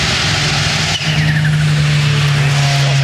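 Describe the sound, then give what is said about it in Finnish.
Sébastien Ogier's rally car brakes hard at the stage finish, its engine roaring loudly with a steady droning pitch and a rough, skidding tire noise running throughout the short burst. “Maalipäästä nyt jarrutuksen ääni, että Ogier on täällä”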